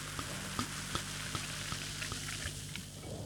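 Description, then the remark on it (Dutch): Bubbly from a freshly opened bottle fizzes steadily after being poured in front of a microphone, with a dense crackling hiss of popping bubbles and scattered sharper pops, fairly quiet and even throughout, with no voices. “Je hoort de bubbels.”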